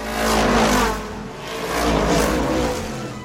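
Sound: race car accelerating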